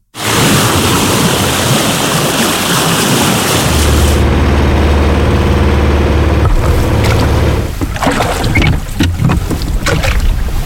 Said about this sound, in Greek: Σκάφος σε θάλασσα.